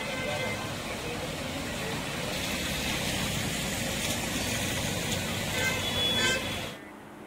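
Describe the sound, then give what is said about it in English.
Dense, steady roar of road traffic on flooded, waterlogged city roads during monsoon rain in India, with engines rumbling, and a few short horn toots rising near the end before the sound cuts off abruptly. Indistinct voices may be mixed in. “Flooded roads have affected traffic movement, causing quite the inconvenience to commuters, especially morning commuters and residents alike.”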